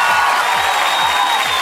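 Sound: audience applause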